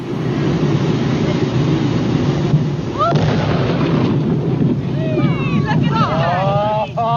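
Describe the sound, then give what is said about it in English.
A heavy, booming dynamite explosion set off under a dead beached whale at 3:45 p.m. roars and rumbles continuously, its low thunder filling the whole stretch, while scattered voices of spectators held a quarter of a mile back cry out and shout over the din. “The dynamite was detonated at 3:45 p.m.”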